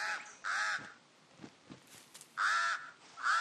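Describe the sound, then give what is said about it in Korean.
A pied crow gives loud, harsh caws, about three strong calls with pauses between them and a fainter one at the start, with quiet background in the gaps. “흰가슴 까마귀는 가장 높은 가지에 둥지를 틀었습니다.”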